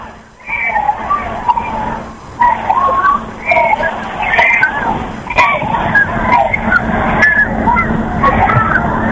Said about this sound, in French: Le pape est là, il est parmi nous, il est sur le rond-point Charles de Gaulle l'Étoile. Et la papa mobile est en train de s'avancer. Le pape, dans quelques instants, vous entendez derrière moi très certainement les gens crier Léon, Léon.